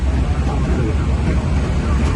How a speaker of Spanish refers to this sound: Bueno, se oye un poco reguleras, pero normal, es cosa de los aviones.